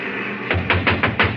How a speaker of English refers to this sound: Now, first of all, we'll try rapping on the door.